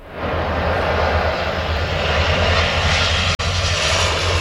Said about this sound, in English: A water bomber loads up over the Seine River near the French capital.